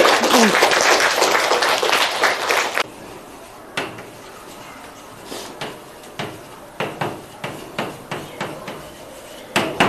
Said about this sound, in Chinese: 一会儿啊，这位嘉宾和我们一起来上开国大典这一课。那下面就让我们一起用热烈的掌声来欢迎这位嘉宾